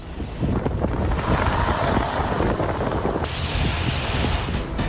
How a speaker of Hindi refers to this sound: धूल भरी आंधी से दिल्ली एनसीआर का लुढ़का पारा, लोगों को भीषण गर्मी से राहत मिली। 80 किलोमीटर प्रति घंटे की रफ्तार से चली हवाएं, चारों तरफ उड़ी धूल की मोटी परत।